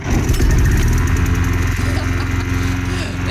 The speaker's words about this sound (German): Ungeschriebenes Gesetz. Um diese Uhrzeit gehen die Rasenmäher an.